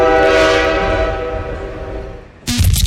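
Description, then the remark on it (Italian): A loud, sustained train horn blares over a low rumble of a passing train, a sound effect for the Radio Kiss Kiss Italia program Il treno delle 8, slowly fading away before a sudden burst of noisy sound cuts in at the end. “Il treno delle 8 parte dal lunedì al sabato dalle 8 alle 10 sui binari di Radio Kiss Kiss Italia.”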